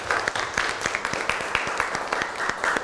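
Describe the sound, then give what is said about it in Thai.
A class applauds classmates after their artwork presentation, many hands clapping at once in a dense, steady patter with sharper individual claps popping through, continuing at an even level throughout. “โอเคครับขอเสียงปรบมือให้เพื่อนหน่อยครับ”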